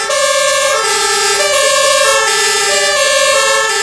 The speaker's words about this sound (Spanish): Las sirenas de los camiones, de los coches de bomberos del Parque 31, del Parque de Parla, que este fin de semana despedían a Sebastián Mora, el jefe.